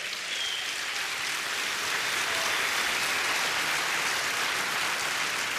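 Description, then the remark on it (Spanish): A church audience claps steadily for several seconds, applauding the Lord during a sermon, a dense, even wash of many hands with no voices over it, holding a constant loudness throughout. “Alguien dé un aplauso al Señor, por favor.”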